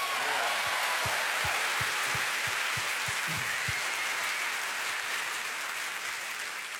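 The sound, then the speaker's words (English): A room full of people applauds steadily at news that Tennessee will allow the Ten Commandments to be posted in public schools, a dense wash of clapping that holds at an even loudness for several seconds before easing slightly at the end, with no voices over it. “Which, by way of background, and I appreciate the fact that everybody in the room pretty much applauded.”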